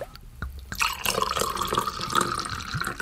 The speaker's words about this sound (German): Die Kennerinnen unter Ihnen haben es genau gehört. Das war feinster Wein aus dem Süden von Sachsen-Anhalt.